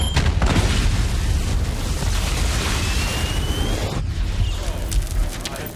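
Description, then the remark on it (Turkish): A hex crystal explosion, set off by the sound frequency of a piston sonic trigger, roars and rumbles loudly for several seconds, with a thin rising whine threaded through it and a sharp fresh crack partway in before the blast carries on. “Bu piston sonik bir ateşleyici. Ses frekansı patlamayı tetikliyor.”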